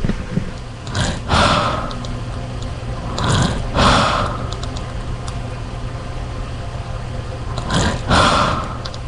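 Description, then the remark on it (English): Slow, heavy breathing of an elderly woman in a coma, recorded with a microphone at her bedside, with three loud raspy breaths spaced several seconds apart over a steady low mechanical hum. No one speaks. “I'm just going to record your breathing.”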